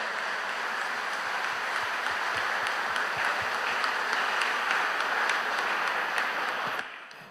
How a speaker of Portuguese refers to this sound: Vamos nos aplaudir uns aos outros com a calorosa salva de palmas.